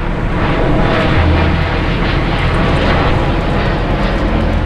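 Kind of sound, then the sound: vehicle, airplane flying overhead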